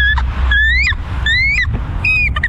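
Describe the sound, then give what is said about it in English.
A young bird caller mimics a bald eagle's call to announce an NBA team's schedule: about four high, rising whistled squeals in quick succession, each ending in a quick flutter, loud over a steady low engine rumble. “Bald eagle.”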